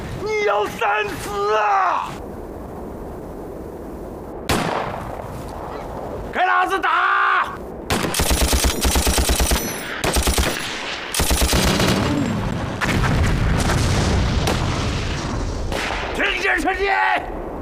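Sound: machine gun fire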